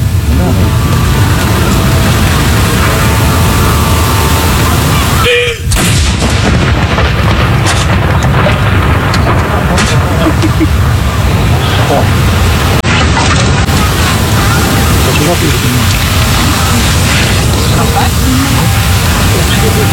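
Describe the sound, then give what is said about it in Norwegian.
A single booming second cannon salute shot cracks out early on at Akershus Fortress, its roar rolling away into dense, steady outdoor noise, with faint voices of a crowd of people filming in the background. “Andre kanon!”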